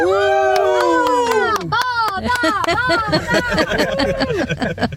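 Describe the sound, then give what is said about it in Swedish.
Several voices, children's among them, cheer and whoop together inside a car on its way to go swimming, a loud burst of overlapping high-pitched shouts and squeals lasting a few seconds. “Men kan vi inte jubla lite grann tillsammans så man hör att det här är en badbil på väg?”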